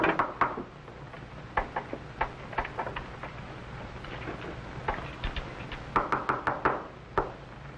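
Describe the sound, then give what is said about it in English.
Sharp knocks rap on a wooden door in irregular bursts, some single and some in quick clusters, crisp against a low steady background hum. “Open the door.”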